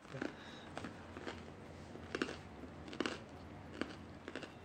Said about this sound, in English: Wow, the bread is crunchy.